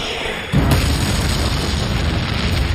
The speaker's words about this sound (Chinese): 苏军的穿甲弹含有高爆炸药，破坏力很大，可以从1000米外穿透55毫米厚的装甲，撞击时会爆炸，并从内部摧毁敌军坦克。